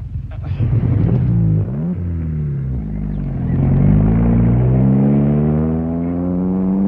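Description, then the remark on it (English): A car engine runs with a low, steady rumble, then revs up and pulls away down a hill to try out its brakes, its pitch climbing through a couple of gear shifts as it drives off, loud. “I just wanted to see if she would still go and try out the brakes.”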